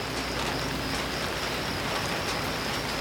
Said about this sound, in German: Später prasseln Regentropfen auf das Zelt. Das hört sich toll an.